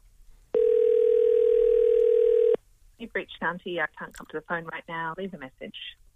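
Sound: telephone dial tone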